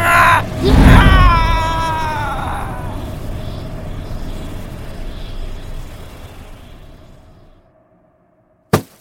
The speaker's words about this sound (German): Valentin rammte den Stab direkt in die Brust des Geistes. Mit einem lauten Schrei wurde die Hülle des Geistes in den Kristall des Stabes gesungen.